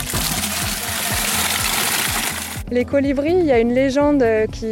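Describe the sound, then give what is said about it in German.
Water gushes steadily from a roadside water canister into a watering can for a couple of seconds, a dense splashing pour, then it cuts off and a voice begins talking; a French woman fills two watering cans. “Und diese Französin nimmt sich gleich zwei Gießkannen voll.”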